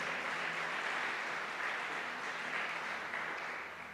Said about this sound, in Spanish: Dele fuerte el aplauso a nuestro Rey Celestial, si es para Dios.